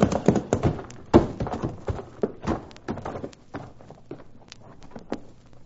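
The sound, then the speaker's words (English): Horses' hooves clip-clop as the horses are urged on across a level plain, a brisk, uneven rhythm of sharp knocks, louder at first and then easing off slightly, over a faint low rumble. “Come on, let's prod up these horses.”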